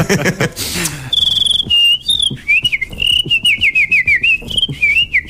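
A person whistles a wavering, warbling tune after a brief burst of breathy noise, the high pitch sliding and trilling in quick steps for several seconds with no talking.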